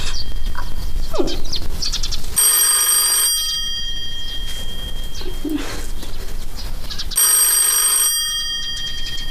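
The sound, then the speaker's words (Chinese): A telephone bell rings twice, each bright, high metallic burst lasting about a second with a pause of several seconds between, over a steady background of cooing pigeons and bird calls. “电话，齐老爷，电话。”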